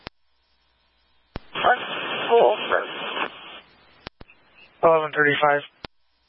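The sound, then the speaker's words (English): A garbled two-way radio transmission: sharp squelch clicks bracket a burst of hissing static, followed by a short, tinny, distorted voice breaking through before another click cuts it off. “You are static. Can you repeat?”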